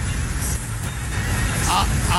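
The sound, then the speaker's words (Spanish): Tow trucks race each other past at high speed, a loud, steady rumble of heavy engines and road noise that holds for a couple of seconds with a brief higher whine near the end. “¿Qué tal estas grúas echando carreritas?”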